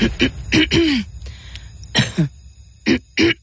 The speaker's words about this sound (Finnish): Hei, älä suotta köhi.